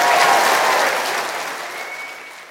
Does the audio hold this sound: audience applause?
yes